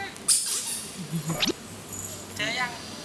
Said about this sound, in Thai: เอาลูกเป็ดพลาสติกไปซ่อนและบีบให้มีเสียง